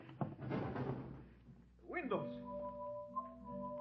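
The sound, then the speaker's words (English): A door is forced open with a rough, crashing burst of splintering noise lasting about a second, then a rising creak and a steady, sustained tonal hum. “Break down the door.”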